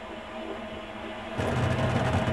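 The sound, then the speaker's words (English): A steady mechanical hum from a new clothes dryer suddenly swells into a louder, rougher rumbling whir partway through, continuing unbroken with no voices. “Whoa, what was that? No idea. The dryer just making a No move?”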